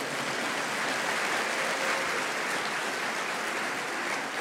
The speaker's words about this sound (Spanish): Amén. Amén. Otro aplauso al Señor.